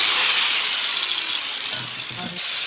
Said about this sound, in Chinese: 切割机打磨一把菜刀，噪音刺耳，火光四溅。他一边切割打磨，一边大声和观众们聊天。